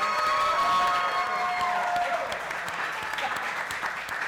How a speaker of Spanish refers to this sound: Y así que le damos la más cordial bienvenida a la doctora Carla Cantoral Domínguez. ¡Doctora! ¡Un fuerte aplauso!